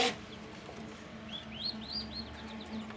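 Several newly hatched turkey chicks of a new robust crossbreed, hatched after 28 days in an incubator in Lower Saxony, peep in quick, high, arching chirps that overlap, over a steady low hum in the background with no talking.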